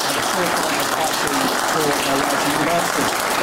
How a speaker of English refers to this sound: But a big round of applause, please, for two people here who are absolutely...